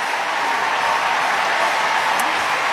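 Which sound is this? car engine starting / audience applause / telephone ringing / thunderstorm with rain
audience applause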